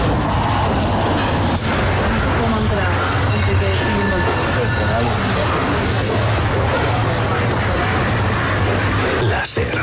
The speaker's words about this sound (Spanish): Chatarrería en el barrio de Poblenou, Barcelona.